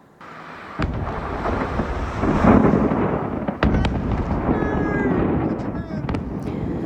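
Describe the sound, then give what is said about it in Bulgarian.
A massive explosion at a fireworks factory near the village of Maktap in Malta, heard across almost the whole island, shaking buildings and breaking windows: a loud, continuous roar and rumble punctuated by several sharp, cracking bangs, with indistinct voices faintly underneath. “Взрив в фабрика за фойерверки разтърси района на село Мактап в Малта.”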